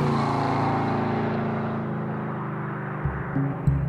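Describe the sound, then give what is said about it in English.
A car tears past through an intersection at high speed, at least 112 miles an hour, loud, its engine roar fading as it pulls away, followed by a couple of low thumps. “He was doing at least 112 miles an hour through that intersection.”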